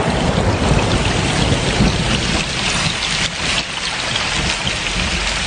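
Following a flash of lightning, heavy rain pours steadily while deep, rumbling thunder rolls through the low end, loud and sustained across the whole stretch, with no voices present.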